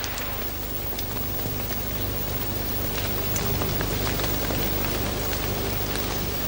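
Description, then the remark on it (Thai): Steady rain patters down on small plants and leaves, a dense, continuous hiss with scattered sharper drops throughout, even in loudness, with no voices. “ครั้นฝนตกลงมาอีกพืชเล็กๆเหล่านี้ก็ยังช่วยซับน้ำไว้อีกชั้นหนึ่ง”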